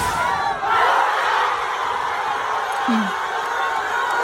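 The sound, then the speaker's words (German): A huge crowd of Argentina football fans at a World Cup public viewing in Argentina roars and cheers continuously, a dense wall of voices with scattered shouts and whoops rising out of the din. “Und ich glaube auch, die Argentinien-Fans waren sehr glücklich, weil so klang das gestern beim Public Viewing in Argentinien.”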